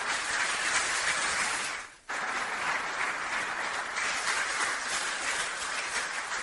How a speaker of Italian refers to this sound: Tra l'altro io ringrazio anche il vicepresidente Linda Legname, eccola qua, e anche a lei voglio fare un sentito applauso.